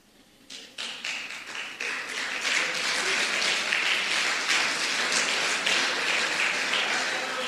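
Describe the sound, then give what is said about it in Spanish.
Thin, scattered applause for the Lord begins with a few isolated claps, then builds into a steady but unenthusiastic patter of many hands clapping at a moderate level, with no voices. “No, mejor no aplauda si va a aplaudir así.”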